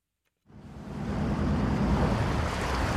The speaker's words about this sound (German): Noch vor dem Sonnenaufgang machen sie die Leinen los. Es ist still, bis der Motor anspringt und sie raus auf die See fahren, die kleinen Küstenfischer.